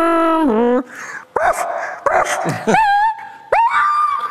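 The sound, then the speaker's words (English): A person performs a party trick, vocally imitating a car striking a dog: a sustained screeching whine, then a series of sharp yelps and rising whimpers, loud, with no speech. “Car hitting dog.”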